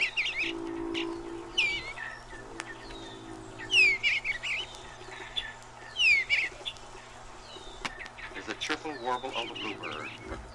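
An eastern bluebird sings a soft, cheerful warbling song in short repeated phrases from the roof of a birdhouse in a garden on a spring morning, with other chirps and a steady low hum in the background.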